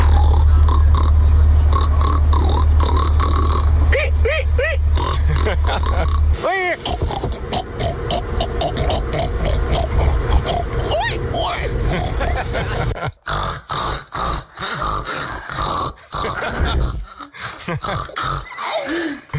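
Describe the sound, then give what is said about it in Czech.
A person loudly imitates a pig, producing a long run of repeated grunts, snorts and oinks in a rough, uneven rhythm, with a low rumbling undertone early on. “Ovšem prase, který by se zasloužilo první místo.”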